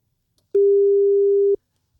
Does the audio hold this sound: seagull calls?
no